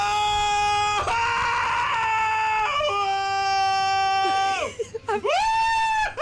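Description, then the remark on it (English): A person imitates screaming on a fairground ride: a long, loud, sustained high-pitched shriek with wavering pitch, a brief stuttering break, then another scream that rises and falls. “I was pretending I was on a ride.”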